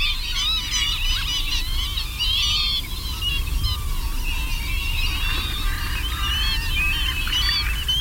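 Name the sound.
northern lapwing call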